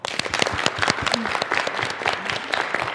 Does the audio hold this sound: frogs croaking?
no